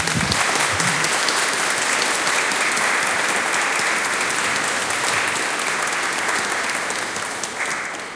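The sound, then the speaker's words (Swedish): An audience applauds warmly as a bouquet of flowers is presented for years of service, the clapping dense and steady for about eight seconds before beginning to taper slightly at the end. No one speaks over it. “Och så vill vi även ge som en symbol för ditt tjänstgörings för dina tjänstgöringsår en bukett blommor, och församlingen vill ge en stor varm applåd.”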